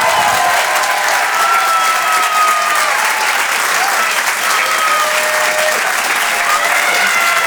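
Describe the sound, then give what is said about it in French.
Loud, sustained applause from a large audience welcoming comedian Tristan Lucas on Rire et Chanson, a dense steady wash of clapping that holds at an even level throughout, with a few faint tonal whistles or cheers rising above it. “Je vous demande de l'encourager et de l'applaudir très, très chaleureusement, s'il vous plaît.”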